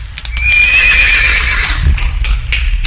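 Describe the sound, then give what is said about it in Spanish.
A horse lets out a loud, drawn-out whinny, while hooves clip-clop steadily underneath and continue after the neigh fades. “¡Vaya, caballo! ¡Vaya, caballo!”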